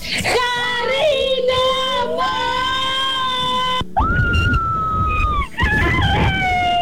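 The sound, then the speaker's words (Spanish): A sustained, high-pitched excited scream from a young fan who wants to go to a concert, held for several seconds with rising and falling pitch, loud, breaking briefly before resuming. “Radio Disney, les envío nuevamente el grito porque tengo muchas ganas y deseos de ir a ese concierto”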